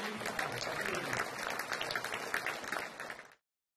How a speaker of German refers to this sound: Mit viel Applaus wurden die beiden am Ende belohnt und den Besuchern bleibt die Hoffnung auf eine Fortsetzung im nächsten Jahr.